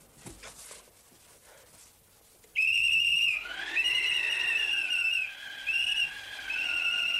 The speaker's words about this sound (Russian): Достает из кармана свисток.